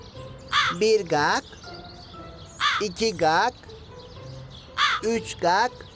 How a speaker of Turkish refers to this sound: Bak şimdi bu karga 5 kere ötünce gelecek fikri.